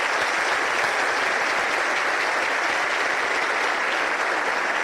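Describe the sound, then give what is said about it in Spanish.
Sustained applause from a seated audience for the President of the Republic at the opening of a congress, a dense, steady wash of many hands clapping at an even loudness for the whole stretch, with no voices rising above it. “Pedimos al público que permanezca sentado y unos aplausos para el señor Presidente, quien se retirará para continuar con sus actividades oficiales.”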